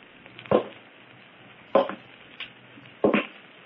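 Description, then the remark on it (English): Slow, heavy footsteps on a roof: three loud, dull thuds about a second and a quarter apart, with a fainter step between the last two, over a quiet hiss and no voices. “Footsteps on the roof.”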